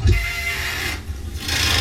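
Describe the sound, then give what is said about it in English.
A bridge in Hamburg squeals and grinds with a steady, loud, rasping friction noise, a harsh metallic scrape sustained throughout with a brief dip in the middle. No one speaks. “The squealing bridge. The screaming bridge.”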